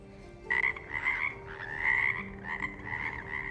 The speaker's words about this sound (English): Another day, something strange happened near Ungmunji Pond at Yeongmosa Temple. It was the middle of winter, but frogs started making loud noises for several days.